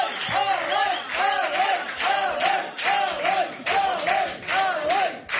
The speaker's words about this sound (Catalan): Rebem un fort aplaudiment a Eloi Vila.